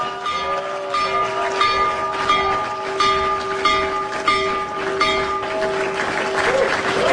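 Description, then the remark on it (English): The New York Stock Exchange opening bell, rung remotely by the President of the United States from the Oval Office, rings continuously, a steady, sustained metallic tone with a rapid rattling pulse, accompanied by loud applause and crowd noise throughout. “One, he rung the opening bell for the New York Stock Exchange from the Oval Office.”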